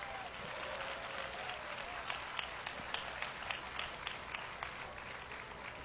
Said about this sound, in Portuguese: Mais palmas para o Senhor Jesus.